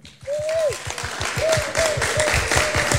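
An audience breaks into sustained, loud applause: dense clapping for about three seconds, with shrill whistles rising over it and faint cheering voices.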